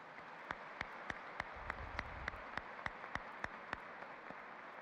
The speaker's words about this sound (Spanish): Muy buenos días, queridos peregrinos que visitan nuestro Santuario Mariano Nacional de la Reina y Patrona de Colombia, a quien le damos un gran aplauso.